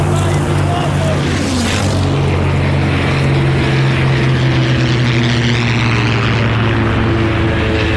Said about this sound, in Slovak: Vidím pod sebou vracajúce sa lietadlá a signálne ohnie, ktoré nám ukazujú, kde máme pristáť. Normálny letecký most. Otočím lietadlo a nájdem najlepšie miesto na pristátie.